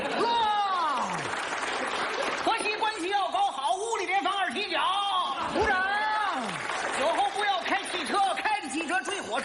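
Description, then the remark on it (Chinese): Sustained, prolonged applause on cue during a recording runs steadily throughout, dense, with many voices cheering and calling out over the clapping the whole time. “长时间鼓掌。”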